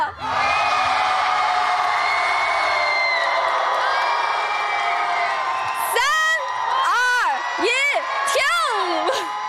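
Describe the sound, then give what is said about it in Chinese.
A crowd cheers and shouts for the Hertz street dance youth crew, continuously at a steady loud level, a dense wash of many voices; in the final seconds high, sweeping whoops and yells rise and fall above the roar. “接下来你们的掌声和呐喊声准备好了吗？让我们一起来为我们的赫兹街舞少年团呐喊吧。”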